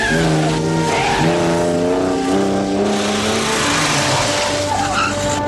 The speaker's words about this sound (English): The woman speeds off in Bond's car.